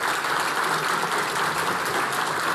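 Steady audience applause welcoming Angélica Bulnes, journalist and content director of T13 Radio, who will moderate a panel conversation: dense, even clapping from many hands filling the whole clip at a constant loudness, with no voices standing out.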